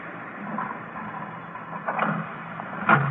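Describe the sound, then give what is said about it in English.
The second door along is opened with two short rattling clunks, the second louder, over a steady background hiss. No one speaks. “Second door is mine.”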